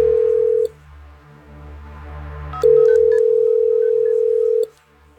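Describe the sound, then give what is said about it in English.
A steady telephone dial tone plays, breaks off briefly while a few short dialing beeps sound as a prize winner is called, then resumes for about two seconds before cutting out; no one speaks. “Let's get our grand prize winner on the phone today.”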